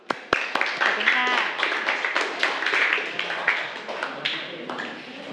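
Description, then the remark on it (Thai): A group of students in a math class claps for a group of classmates who answered exponent questions correctly, a dense, steady burst of applause for several seconds, with many overlapping hand claps and a few voices mixed in. “ถูกต้องไหมคะถูกต้องนะคะปรบมือให้กับเพื่อนกลุ่มนี้เลยค่ะ”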